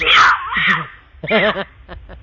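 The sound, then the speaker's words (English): A mountain lion screams: a harsh, loud opening screech breaks into wavering, moaning yowls, followed by a few shorter strained cries that fade. “That's a mountain lion.”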